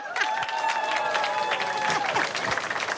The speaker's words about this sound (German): Simsalabim, kommt jetzt ein Zelt hier hoch. Oh nee. Ein Applaus für unsere Zeltcrew.